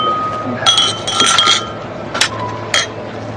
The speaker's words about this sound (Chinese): 在外滩18号的露台上，面对着上海最美的江景，静怡门店的众人举着酒杯，气氛不是很热烈。 来，大家干一杯。 干， 干杯。 来， 干杯，干杯。